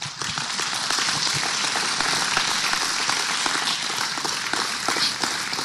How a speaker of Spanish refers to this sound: Un aplauso al Señor.